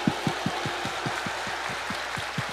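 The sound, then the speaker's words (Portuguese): Audience applause for Padre Jonas Habib: a crowd claps in a steady, even rhythm, roughly five claps a second, over a continuous wash of hiss. No one speaks. “Palmas pra ele, gente!”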